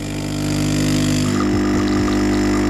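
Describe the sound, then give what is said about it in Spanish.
A coffee machine brewing, its pump giving off a loud, steady buzzing hum with low droning tones, joined midway by a few brief sputtering gurgles. No one speaks. “Esto es café para muy cafeteros. Que por cierto, esto para la industria cafetera, igual ese sonido se puede mejorar.”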